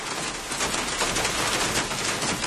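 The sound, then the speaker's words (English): Heavy rain pours down outside in the early morning in Cork, Ireland, in a steady, dense hiss, a constant wash of drops with no voices and no pauses, fairly loud throughout. “It's early morning and the rain is pouring down outside”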